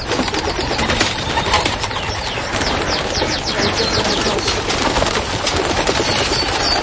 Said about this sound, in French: À commencer par les pigeons. Là, c'est pas les horaires, d'habitude ils partent à fond, mais c'est le matin.